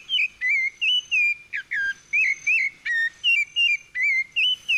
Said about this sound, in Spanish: El segundo es el zorzal. A ver.